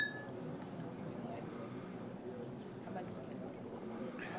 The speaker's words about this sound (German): Auf die Erntezeit wird hier zünftig angestoßen mit Apfelsaft. Und auf den guten Apfel. Prost. Prost.